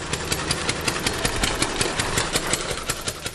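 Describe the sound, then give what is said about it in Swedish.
A small four-stroke engine chugs steadily like a lawnmower, its rapid regular putter of firing pulses loud, running alone with no talking, representing the first motorcycle, the wooden Reitwagen with a top speed of 11 km/h. “Ja, som en gräsklippare ungefär.”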